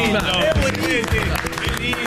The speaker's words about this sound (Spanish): Fuerte el aplauso.